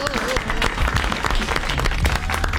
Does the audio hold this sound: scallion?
no